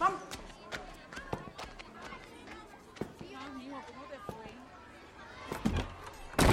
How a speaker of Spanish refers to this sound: cierra la puerta y se recuesta en ella.